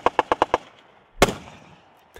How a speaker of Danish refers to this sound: På Bornholm kan man rundt omkring høre skud og brag i de her dage.